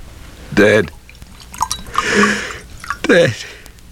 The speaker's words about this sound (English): Sit and I'll pour you a brandy.